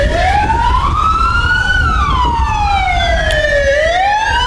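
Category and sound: signal or alarm, emergency sirens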